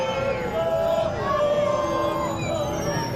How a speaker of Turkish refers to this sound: Mesa kasabasında konaklayacakları otele geçen millilerimizi, ellerinde Türk bayrakları olan çocukların da yer aldığı coşkulu bir taraftar grubu tezahüratlarla karşıladı.